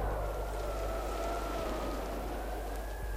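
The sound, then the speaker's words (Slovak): Steady, dense hiss of cold rain and sleet lashing down without pause, with a faint whistling tone and a low rumble underneath; no one speaks. “Bolo chladno, ostro šľahal dážď so snehom.”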